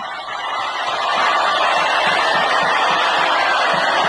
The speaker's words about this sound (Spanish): Ahí está Nelson Aedo llegando. Y la ovación que le da la gente al subir junto a Chirola es impresionante.